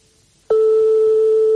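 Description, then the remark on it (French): A brief hush, then a telephone ringback tone while calling a private household: one steady, unbroken mid-pitched hum that starts abruptly and holds loud to the end, with no answer and no voices. “Donc, comme on est chez des particuliers, forcément, ça sonne dans le vide longtemps et ça peut tomber sur un répondeur.”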